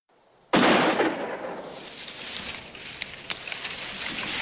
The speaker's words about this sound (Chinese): 日子不紧不慢地过着，突然有一天，枪声打破了盘金脑的平静。